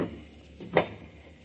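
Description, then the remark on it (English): A single short creak and knock as an unlocked cellar door is pulled open, moderately loud, with quiet background before and after. “You see, it's unlocked, as he left it.”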